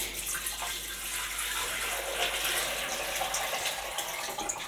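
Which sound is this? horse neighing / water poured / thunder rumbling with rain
water poured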